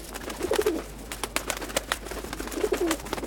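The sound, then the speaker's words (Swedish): Many pigeons outside a window coo twice in low, soft warbling phrases, one near the start and another near the end, over an outdoor background with scattered clicks and rustles. “Och duvorna. Utanför mitt fönster fanns det jättemånga duvor.”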